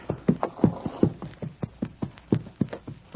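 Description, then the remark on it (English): Horse hooves clip-clop in a steady, quick rhythm as a stagecoach team trots along, about a dozen sharp knocking beats over a few seconds, moderately loud with no voices. “Hey, look. It's the stagecoach, all right.”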